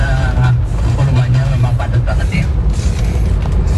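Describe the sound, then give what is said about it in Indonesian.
Loud, steady low engine rumble from a long queue of slow road traffic, a bus ahead slowing down among the idling vehicles, with a voice faintly audible beneath the drone. “Ini karena bus yang di depan ini melambat”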